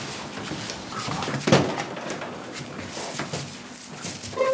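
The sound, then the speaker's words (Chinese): A door is opened after someone knocks, with a single short clunk and rattle partway through, against a steady background of room noise. No one speaks. “哎，行行，帮我开一下门，可能是那送外卖的吧。”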